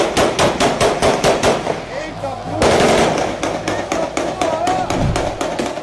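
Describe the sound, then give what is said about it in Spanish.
A rapid burst of gunfire after a football championship won against Parque União, sharp repeated cracks in quick succession, then a noisy stretch and more scattered shots, with a murmur of voices and commotion underneath. “Según las autoridades, se está investigando quiénes fueron los que desataron la lluvia de balas.”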